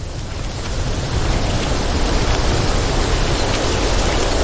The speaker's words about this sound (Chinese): 今天突然刮起了风，好像快要下雨了。